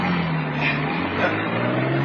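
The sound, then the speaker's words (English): A getaway car's engine runs with a steady low rumble and broad road noise as the vehicle drives off after a bank robbery, holding fairly loud throughout without fading. “Now drive. Get those wheels moving.”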